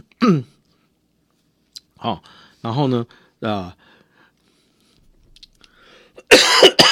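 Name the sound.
coughing and throat clearing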